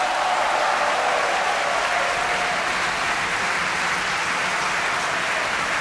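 A large opera audience applauds steadily and loudly, cheering the singer Sii Dai as Zerbinetta, a dense wash of clapping with cheers rising through it, sustained without pause for the whole stretch.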